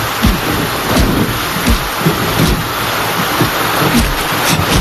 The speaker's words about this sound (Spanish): Qué malos recuerdos me trae esta lluvia.